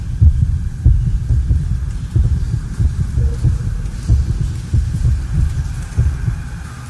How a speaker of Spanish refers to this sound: ¿Escuchan eso? ¿Qué es? Son los latidos de Minotauro dentro del vientre de su madre, la reina Pasifae. Son los latidos del laberinto viviente.